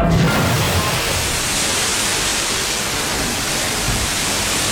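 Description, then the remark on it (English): A loud, steady roar of rushing water fills the whole stretch, a dense hissing gush from a burst water main under heavy pressure, spraying hard, continuous with no pauses. “Hey, this water main is under a ton of pressure.”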